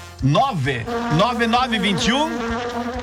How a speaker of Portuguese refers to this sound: Deixa eu ver, falou em mel, chegou as abelhas.